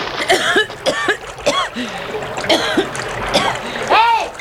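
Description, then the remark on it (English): Water splashes and churns in several bursts as a man dropped over the side of a boat into the Nile thrashes about, with gasping, coughing cries and wordless shouts over the sloshing. “I'm in the river.”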